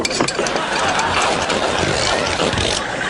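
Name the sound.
car engine idling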